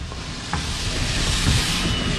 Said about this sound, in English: There's a 54 Williams bus that passes. And I remember when the neighbors, my father was included, advocated for a bus system to go up and down this narrow-ass street.